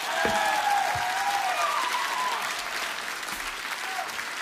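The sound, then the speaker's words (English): A concert crowd in Tampa claps and cheers loudly and steadily, a dense wash of applause with a few whistles and shouts riding on top, sustained throughout without fading. “I need a bigger applause than that tonight, Tampa.”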